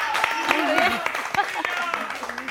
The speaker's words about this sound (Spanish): Fuerte aplauso para ella